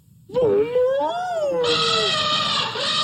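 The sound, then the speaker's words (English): Two elephants trumpet loudly together: a wavering, rising call that bursts into a bright, brassy blare and holds for over a second, with no talking over it. “They both trumpeted as loudly as they could.”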